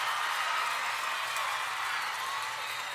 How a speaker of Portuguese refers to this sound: Salve de palmas para todas as minhas fãs lindas, maravilhosas e cheirosas.